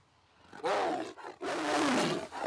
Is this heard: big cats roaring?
yes